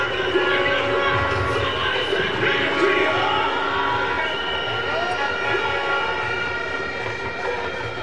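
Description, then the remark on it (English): A large crowd at a cricket match roars and cheers steadily for the whole stretch, loud and dense, with sustained blaring horn-like tones riding over the noise, after batsman Charles hits magnificent sixes. “Crowd certainly has come to life.”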